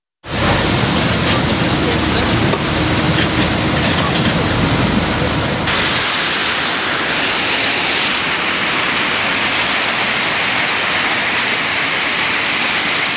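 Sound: rushing floodwater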